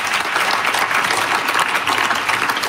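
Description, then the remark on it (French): Steady, dense applause from an audience, many hands clapping together at an even loudness with no pauses and no voices heard. “On vous applaudit assurément.”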